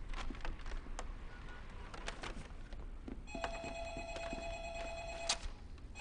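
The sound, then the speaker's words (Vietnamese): A telephone rings with a steady electronic tone for about two seconds, a call from a hospital, sounding over scattered clinks and clatter in a busy indoor room. “có điện thoại tìm chị, là bệnh viện gọi tới.”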